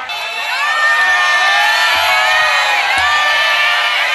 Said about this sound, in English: Crowds filled the streets of Bangkok to catch a glimpse of Thaksin Shinawat being released from prison on parole.